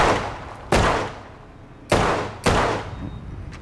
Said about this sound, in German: Langsam abziehen, vom Schuss überraschen lassen. Okay. Alles eine Frage des Trainings. Aber wenn du nach dem Schuss blinzelst, ist nicht schlimm. Nur nicht beim Abdrücken.